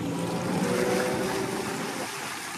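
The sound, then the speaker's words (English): A passenger boat travels over the open sea through the waters of the Mamanuva Islands and into the Asawa group, its engine droning steadily beneath a constant wash of rushing water and wind. The sound is loud and continuous, with no voices. “After a few hours at sea, we arrived at My Sunset Resort.”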